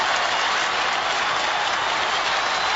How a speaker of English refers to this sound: Give me another cheer like that in the world and I'll eat a bucket of pilchards.